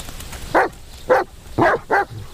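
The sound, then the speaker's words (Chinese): A dog named Heizui (Black Mouth) barks four times in quick succession, the last two closer together, sharp against a faint outdoor background hiss, with no one speaking. “黑嘴， 狗日的干扰你们的清梦， 过来”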